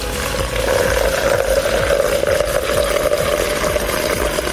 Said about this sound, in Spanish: El agua para el mate. Está largo, el chorro. Era un mate embudo, ¿viste?